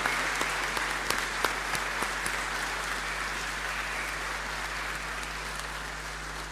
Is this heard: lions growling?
no